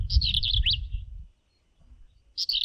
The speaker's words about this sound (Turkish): Kara kulaklı kuyruk kakanından ben de biraz bahsedeyim. Gerçek bir yazlık kuşu, bir şehir kuşu değil ama sayfiye alanı kuşu. Bütün yazlık sitelerinde çatılarda yuvalıyorlar, antenlere konuyorlar, duvar kenarlarında dolaşıyorlar.